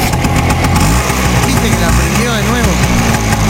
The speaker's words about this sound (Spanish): Pero apagá la moto. Pero no puede andar cada vez que toca timbre en un lugar o reparte pescado. No puede apagar la moto. No puede apagar la moto.